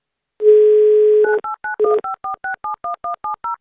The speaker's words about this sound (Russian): Звоним, ждем гимн Авторадио. Никаких гудков, голосовых помощников, посторонних мелодий. Только гимн.